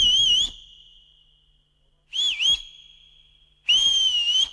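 Someone whistles three short, clear phrases, each bending and wavering in pitch, with quiet gaps between them. The whistling is fairly loud, with no talking.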